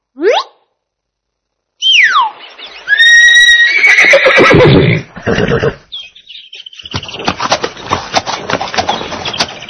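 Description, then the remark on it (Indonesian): A horse whinnies loudly, with shrill descending neighs and snorting, followed by a rapid, uneven clatter of hooves on a hard surface; no one speaks. “Kuda ini gagah sekali ya teman-teman.”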